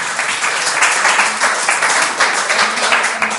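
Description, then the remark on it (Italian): Sustained applause from a studio audience, a dense, steady wash of many hands clapping at a loud, even level with no voices standing out. “Viva i centri di aggregazione. Applausi.”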